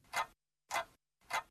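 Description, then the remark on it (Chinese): A wall clock ticks steadily, three evenly spaced clicks about half a second apart, clear against silence with no voices. “他看着墙上正在悠然行走的挂钟，曾泽生不由得感到一阵的轻松。”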